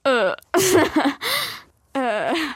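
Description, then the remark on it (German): A person imitates a raccoon with a few nonverbal vocal bursts: whiny, pitched squeals and breathy chittering noises, separated by short pauses. “Mach mal, wie würde dein Waschbär klingen?”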